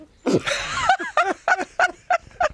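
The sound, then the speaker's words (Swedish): Hens and a rooster cluck: a harsh squawk, then a run of about six quick, evenly spaced clucks. No one speaks. “Och nu har hönorna och tuppen gått vidare.”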